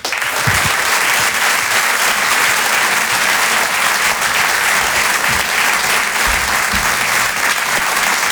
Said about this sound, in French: Il est avec nous, je vous demande de l'applaudir également très fort.